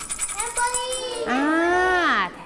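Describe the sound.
A tambourine rattles in a quick, even run of bright metallic jingles for about a second, then a drawn-out, gliding voice takes over while the jingling fades.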